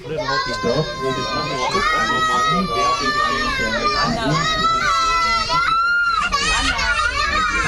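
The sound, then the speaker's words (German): Several children scream and cry at once over an argument about seats, shrill wailing voices overlapping in a loud, continuous uproar, with a noisy crowd of voices underneath. “Oder was ist das für ein Geschrei? Ich weiß nicht. Was ist denn jetzt passiert? Ja. Es gab eine kleine Platzdiskussion.”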